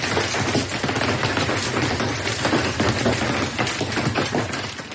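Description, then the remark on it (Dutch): Hailstones from a thunderstorm in Belgium pelt the roof and upper hatches of a city bus in a dense, relentless clatter of rapid impacts, loud, with no pause for the whole stretch and no voices. “Mensen, ik zit vast in mijn bus en mijn bovenste luiken zijn aan giegelen door hagel.”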